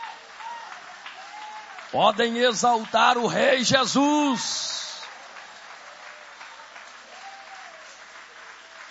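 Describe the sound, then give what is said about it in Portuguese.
An audience at a church service applauds God in a steady, continuous wash of clapping that runs the whole time, while a man's voice calls out over it in the middle and then the clapping carries on alone. “Pode tomar o vosso assento, guarda a Bíblia com carinho e podem aplaudir a Deus com alegria.”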